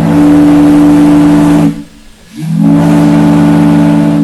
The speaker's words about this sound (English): The first fog signal at Point Wilson was installed in 1879. During periods of heavy fog, this steam-powered whistle could be heard for miles across the water.